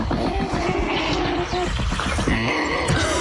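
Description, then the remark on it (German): An Andean condor calls with harsh, raspy grunts and hissing snorts, loud, sounding almost like a pig, in a continuous rough stretch lasting a few seconds. “Also, Nationaltier ist der Andenkondor. Sieht aus wie so ein Mix aus Riesenadler und hier, wie heißen die Aasfresser?”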